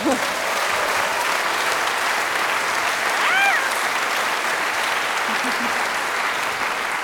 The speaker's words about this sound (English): You don't know how to receive the applause. Come on.